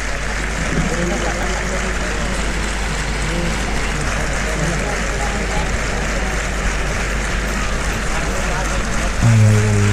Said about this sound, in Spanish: Toda la ovación para Espartaco. Sí. Es curioso que está la gente más pendiente de aplaudirle al picador que del tercio banderilla. Van cada cosa por su lado, no, nada tienen que ver las ovaciones con lo que está ocurriendo